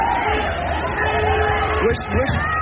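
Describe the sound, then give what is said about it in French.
Dense crowd hubbub of young protesters on a street, many overlapping voices blending into a steady, loud murmur, with a couple of raised calls rising out of the noise near the end. “On voit sur cette vidéo une voiture grise qui accélère pour fendre une foule de jeunes manifestants qui s'écartent, visiblement apeurés dans un premier temps, avant de courir à la poursuite du véhicule.”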